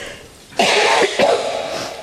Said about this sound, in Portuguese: Gente, vocês desculpem. Desculpem aí a minha tosse, mas eu tô muito resfriada, inclusive alérgica também.